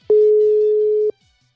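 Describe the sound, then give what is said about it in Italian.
The ringing tone of an outgoing WhatsApp video call: a single steady electronic tone holds one low pitch for about a second, then cuts off. Loud and clear, with no voices. “Avvia chiamata con Marco Roma, saluto. WhatsApp, ecco, riconoscimento schermo, attivo. Riduci finestra, stai chiamando”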